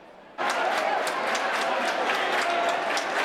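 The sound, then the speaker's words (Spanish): A large crowd bursts into steady rhythmic hand clapping, loud, with a regular beat of sharp claps over a dense wash of crowd noise, accompanying prayers as the Virgin is carried in procession through the central nave of a hermitage. “Y al son de las palmas y con rezos, en 6 minutos la Virgen ha atravesado la nave central de la ermita.”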